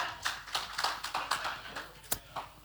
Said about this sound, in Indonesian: Kita berikan tepuk tangan untuk ketiga delegasi kita.